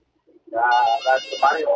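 A phone ringtone plays loudly: a bright, buzzy melodic tune of a few sustained notes in short phrases, cut off after under two seconds. It signals an incoming call at radio station XEH 1420.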